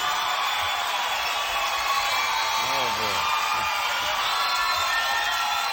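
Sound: audience cheering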